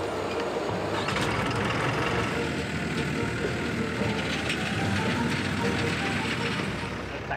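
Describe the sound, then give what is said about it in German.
A C50 narrow-gauge diesel locomotive on a forest railway chugs steadily through the forests of northern Hungary at about 15 km/h. Its loud, rough rumble is continuous throughout, with faint metallic clatter on top. “Und so zuckelt Tibor mit seiner geliebten C50 durch die Wälder Nordungarns.”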